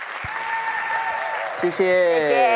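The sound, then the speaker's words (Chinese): A crowd claps steadily and continuously throughout, a dense wash of applause. Partway through, sustained musical tones or a voice rise over it and carry through to the end. “感谢大家掌声。”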